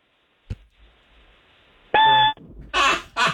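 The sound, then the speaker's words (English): A man's voice imitates a smoke detector's low-battery chirp going off in the middle of the night: one short, loud, high-pitched beep after a soft click, followed by two breathy hissing bursts. “All right, do a smoke detector going off in the middle of the night, like that annoying chirping.”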